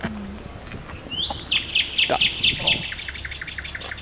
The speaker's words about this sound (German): Und auf der anderen Seite haben wir hier zur Brücke hin jetzt ganz, ganz viel dichtes Gebüsch und prompt singt auch gleich eine Nachtigall hier in dem Gebüsch. Hat eine schöne Stimme.